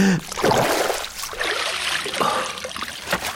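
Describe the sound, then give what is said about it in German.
Water trickles and splashes steadily, with intermittent sloshing and a few brief knocks, as a man tampers with a beaver dam and pulls it apart in the stream. No one speaks. “Ist das wieder dieser Mann, der an meinem Damm rummacht?”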